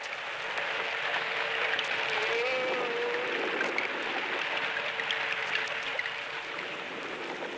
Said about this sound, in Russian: В звуках подводного мира разобраться так же трудно, как и в обычном лесном гамме. Нелегко здесь выделить отдельных солистов.